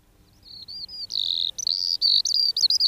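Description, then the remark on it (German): A skylark, a small ground-nesting bird, sings alone with a high, continuous stream of trills and twitters, starting faint and swelling louder, broken by brief pauses into quick, fluttering bursts. “Hören Sie das Trillern und Zwitschern? Das ist die Feldlerche, kleiner Bodenbrüter.”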